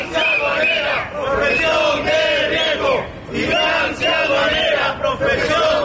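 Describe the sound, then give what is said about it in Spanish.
A crowd of Spanish Tax Agency (Agencia Tributaria) workers, rallying during a one-hour partial strike in front of the agency's office in Las Palmas de Gran Canaria, chants loudly in unison, voices rising and falling in rhythmic slogans with brief dips between phrases, sustained throughout at high volume. “Así se han concentrado frente a la delegación de la Agencia Tributaria de Las Palmas de Gran Canaria en plena campaña de la renta.”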